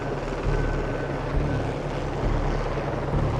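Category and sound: vehicle, helicopter flying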